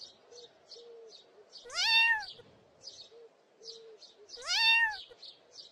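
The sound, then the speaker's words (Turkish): A kitten stuck on a high branch of a tall tree gives two thin, high-pitched meows a few seconds apart, each rising then trailing off, while faint bird chirps repeat steadily in the background. “Hemen yanlarındaki uzun ağaca bakınca yavru bir kedinin dalın üzerinde miyavladığını gördüler.”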